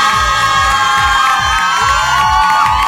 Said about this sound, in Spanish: El día de hoy estamos siendo patrocinados por mis amigos de Sanitet, Sanitarios Portátiles, al igual que Curoda, Semillas Culiacán, Sit y Motos Dinamo. Para ellos un aplauso del público.